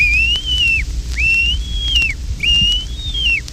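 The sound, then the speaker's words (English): A duck call blown to imitate a wigeon's answering whistle: three clear, evenly spaced whistled notes, each briefly rising then sliding down, fairly loud over a low background rumble. “The Weegean's answering call.”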